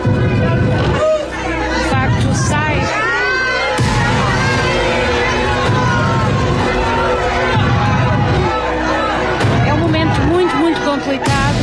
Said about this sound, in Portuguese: À saída, tudo se repetiu. Insultos e mais insultos. Gritos de assassina.